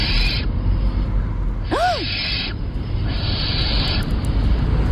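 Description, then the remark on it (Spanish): A barn owl calls once at night, a short rising-then-falling cry that stands out over a steady background of hiss and low rumble. No one speaks. “A ver, puede ser un gato, una lechuza común, una culebra ibérica o un mandril.”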